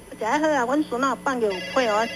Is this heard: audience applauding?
no